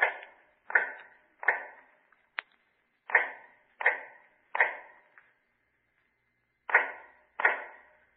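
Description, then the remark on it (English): Rhythmic hammering of an old man making shoes in the dark in cell number 105 of the North Tower: about nine dull, ringing taps in a steady beat, with a brief pause partway and a longer one before the last two blows. No voices. “Now in the North Tower, cell number 105 is heard all day, a low, hammering sound.”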